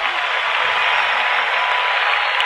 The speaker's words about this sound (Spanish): Fuerte ese aplauso. Fuerte ese aplauso.